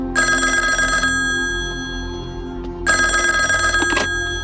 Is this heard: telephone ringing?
yes